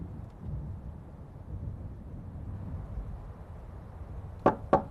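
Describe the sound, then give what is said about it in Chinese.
Two sharp, loud knocks on a door land close together near the end, after several seconds of low rumbling wind-like background noise with no voices, as someone knocks on a villager's door to have it opened. “老乡， 老乡，老乡，开门呐！”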